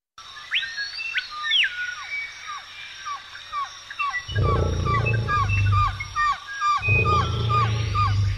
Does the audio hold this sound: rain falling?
no